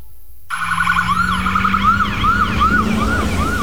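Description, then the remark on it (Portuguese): An ambulance siren wails in a rapid, repeating rising-and-falling pattern, loud, with the low rumble of a vehicle engine underneath. It starts abruptly after a brief silence. “Em Mato Grosso, quem está na ambulância não pode perder tempo enfrentando estrada esfarelando e cheia de buracos.”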